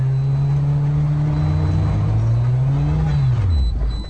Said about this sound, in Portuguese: Já para os carros 1.0, é um teste de resistência mecânica. A cada curva íngreme, o motor reza para não morrer.